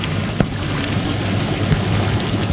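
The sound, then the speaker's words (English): Sage, an injured older olive Ridley turtle at a turtle rehabilitation facility, knocks her flippers twice against the side of her tank, stressed by her injuries: two dull, irregular thuds rising briefly over a steady rushing wash of water noise. No one speaks. “The knocking you hear is Sage's flippers knocking against the side of her tank because her injuries are stressing her.”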